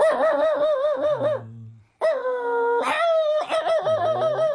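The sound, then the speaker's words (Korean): A person's voice imitates a dog excitedly greeting its owner coming home from visiting neighbours, with eager, wavering yips and whines in several loud bursts, briefly pausing before starting again. “주인이 이제 반가워서 짖는 소리는 이렇게 짖는 거죠.”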